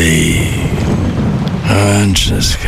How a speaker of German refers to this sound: Ja, ja. Regen. Ewig grau. Müssen Sie sich das anhören?